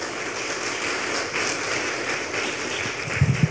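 An audience applauds for the Lord in a steady, dense wash of clapping that holds at an even level throughout, with a few louder low thumps near the end.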